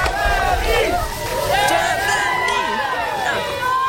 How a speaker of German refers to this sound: Ja, gestern Abend geschehen in Winston, North Carolina. Da haben Fans das DFB-Team empfangen. Deutschland fahren Pompons in Schwarz, Rot, Gold. Sie jubeln den Spielern zu.